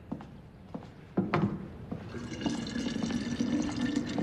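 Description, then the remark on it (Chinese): A few light knocks, then water starts pouring into a vessel to be boiled, a steady splashing rush with a faint hum that keeps going to the end. No voices. “师娘， 哎， 烧水呢？”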